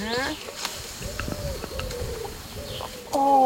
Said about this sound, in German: Oben singt die Taube.